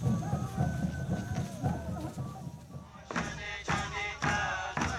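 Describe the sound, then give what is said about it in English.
Several drum beats thump during the second half, landing in a loose, uneven rhythm over a murmur of outdoor background noise, in a small Ashininka village. “And I can hear the drums banging.”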